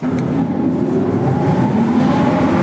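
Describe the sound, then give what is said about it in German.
Old motors of the former ventilation and power supply system in the Simserhof artillery fortress, an underground fortification, run with a steady, loud mechanical drone, a low humming tone over constant rumble and hiss that holds even for the whole stretch, with no voices. “Ein paar der Motoren für die ehemalige Entlüftungsanlage und Stromversorgung lassen sich tatsächlich heute noch anschalten im Artilleriewerk Simserhof.”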